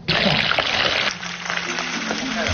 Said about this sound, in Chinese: 切好的鲅鱼和豆腐放入油锅炸至金黄，等待与其他食材发生一场完美的邂逅。